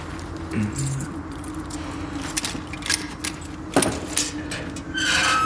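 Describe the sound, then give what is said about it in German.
Keys jingle and clink in short bursts, followed by a sharp metallic click like a lock turning, as a family crypt is unlocked, over a steady low hum of background noise. “Jetzt müssen wir da rein. Schlüssel? Habe ich.”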